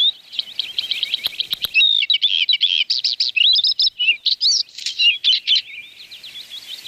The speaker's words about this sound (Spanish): Y más cuando se trata de esta ave, que tiene un canto muy, muy bonito. Y es capaz de imitar a bastantes especies.